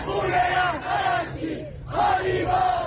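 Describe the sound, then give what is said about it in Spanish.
A large crowd of Iranian regime supporters shouts a slogan in unison on a Saturday, asking 'what about the blood of my leader?'. Two rhythmic chanted phrases are separated by a brief dip, loud and sustained, with many voices blending together. “Khalifah Arakchi, ¿qué hay de la sangre de mi líder?, gritaban este sábado los más afines al régimen.”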